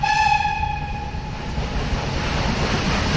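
A train rumbles past with a steady low rattling of wagons, while a horn-like harmonic tone sounds at the start and fades away over the first couple of seconds. No one speaks.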